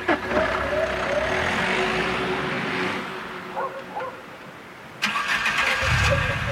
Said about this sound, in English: But a few minutes later, another car engine starts, and headlights flood the parking lot again. It's the abandoned car.